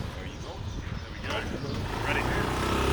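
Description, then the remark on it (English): A motorbike engine rumbles steadily while riding through the streets on a quick tour of an area in Lebanon, with wind and traffic noise and faint background voices mixed in. “On a quick motorbike tour of the area,”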